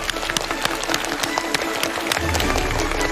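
An audience applauds to welcome guest speaker Huang Xuejie, a researcher at the Institute of Physics of the Chinese Academy of Sciences, dense, steady clapping that holds at an even level throughout, and a low rumble swells underneath in the final second.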